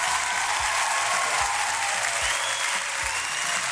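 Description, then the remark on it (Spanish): An audience claps steadily, a dense, continuous wash of many hands applauding at full volume for several seconds, with no voices standing out. “Le damos un aplauso.”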